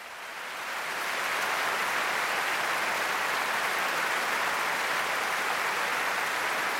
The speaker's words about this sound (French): Et oui, des applaudissements chaleureux du public pour saluer les 255 choristes, les 10 timbaliers, les cuivres, les percussions, tout cet orchestre et ces deux chœurs réunis pour cette soirée.